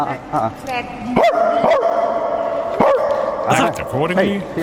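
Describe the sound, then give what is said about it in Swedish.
Several people trade loud, yappy dog-like barks and yelps in quick back-and-forth bursts at a royal palace, human voices mimicking dogs over a steady background hum. “Men alltså, då är det ju att folk kommer fram till honom, fans eller folk som vet vart han är, och börjar då skälla på honom.”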